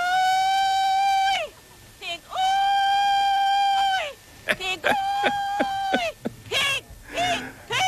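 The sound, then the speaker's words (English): A man hollers hog calls at a pig calling contest in a 1940s recording: two long, high, sustained wails, then a quick run of short, choppy yelps and a few rising whoops, loud and strained. “I also found pig calling contest. This is from the 1940s.”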